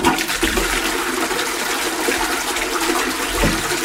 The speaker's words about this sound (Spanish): esto es una cisterna.